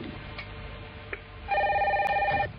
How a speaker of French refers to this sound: Ah, 2 secondes, téléphone.